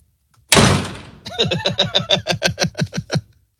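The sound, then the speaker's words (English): A heavy thud, then a quick, steady run of about a dozen loud knocks on a door, with no voices. “Who's at the door?”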